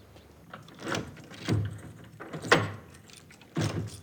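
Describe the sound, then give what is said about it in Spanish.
Several unhurried footsteps of a man carrying belongings from a car trunk approach the front door of a house, each step a soft, dull thud spaced about a second apart, at moderate volume with no voices. “Saca del maletero las pertenencias de Emma y se dirige a la puerta de entrada”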